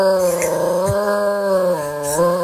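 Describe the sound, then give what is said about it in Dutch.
A dog named Smokey howls in a long, unbroken wail that rises and dips slightly in pitch, along with the outdoor air raid siren, which was tested on the first Monday of the month, loud throughout. “Luister maar, jij, als je goed luistert, hoor je ook het luchtalarm.”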